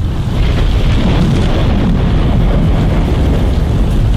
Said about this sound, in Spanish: Así va a estar más fuerte con trueno, rayo, centella.